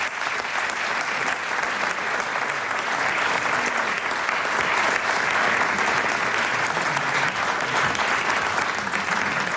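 A large audience claps steadily and loudly for several seconds to welcome a grandparent couple, a dense, continuous wash of applause with no break and no voices standing out.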